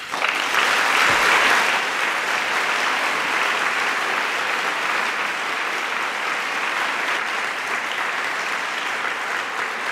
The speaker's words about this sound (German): ich freue mich wirklich sehr über Ihren Applaus für Jürgen Boos